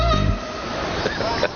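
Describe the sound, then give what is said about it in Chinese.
A kitten being called over meows a couple of short times, its cries rising briefly over a steady, busy background with some low voice-like sounds at the start. “小猫，来，过来，来，”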